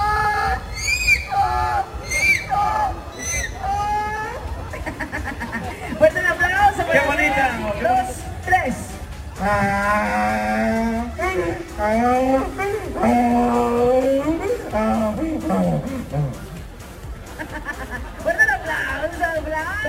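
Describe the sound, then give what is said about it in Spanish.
Several people take turns loudly imitating donkey brays in the braying contest at the Feria del Burro in Otumba: drawn-out wavering hee-haw calls one after another, with crowd murmur and voices in the background. “Ese es el concurso de rebuznos en la Feria del Burro en Otumba.”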